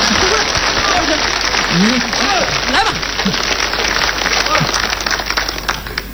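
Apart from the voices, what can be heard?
audience clapping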